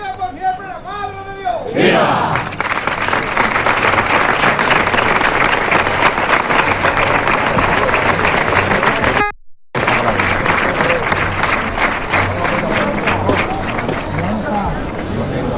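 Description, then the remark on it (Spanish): A large crowd bursts into loud, sustained applause right after the brief chanted prayer of the Umbrete brotherhood before the image of the Virgin of El Rocío (the Blanca Paloma), the clapping dense, with scattered cheers mixed in and a momentary break partway through. “Ese ha sido el rezo de la hermandad de Umbrete ante la Blanca Paloma cuando vuelven a romperse los aplausos.”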